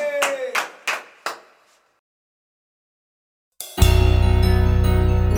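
Four sharp, evenly spaced hand claps of applause for the grill cook (asador) ring out with a short echoing decay, followed by a pause of silence before a loud, sustained buzzing tone suddenly starts.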